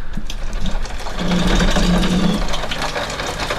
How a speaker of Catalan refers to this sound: Això és un aiguat que està caient en aquests moments a Barcelona, que m'està picant l'aigua a la finestra, cosa que mai passa aquí.